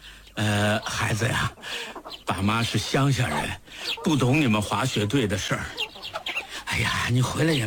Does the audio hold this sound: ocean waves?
no